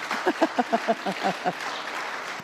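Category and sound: crowd, applause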